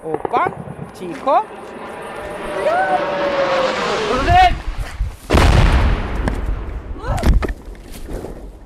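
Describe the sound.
Anti-aircraft fire against drones: a few loud, sharp bursts of gunfire, the heaviest one booming in the middle, breaking out irregularly while a man keeps talking underneath.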